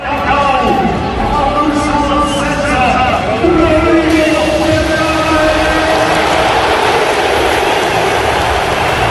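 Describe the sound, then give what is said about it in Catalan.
A large FC Barcelona stadium crowd gives a sustained ovation welcoming the club's new star signing Rodri, a dense roar of cheering and applause that stays loud and steady throughout, with a brief swell midway. “No, no, ha estat una ovació de gala, l'ovació de la tarda.”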